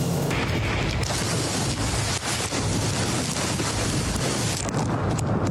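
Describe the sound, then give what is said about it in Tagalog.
Super Typhoon Bavi's wind roars without pause alongside heavy rain in Tamuning, Guam, a loud, dense wash of noise, with gusts buffeting the microphone in low booming thumps. No one speaks. “Pinayo ng malakas na hangin kasabay ng bus ng ulan ang lugar ni Bayan Patroller Jess Panzo sa Tamuning, Guam.”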